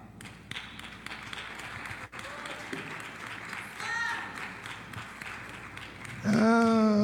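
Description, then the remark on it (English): An audience claps in a steady, loose rhythm over a murmur of voices, and a loud sustained voice or tone rises over the clapping near the end. “that clap don't fit.”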